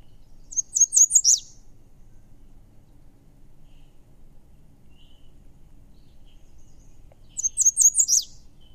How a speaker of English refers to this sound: is the American Red Start. And it is a charming little bird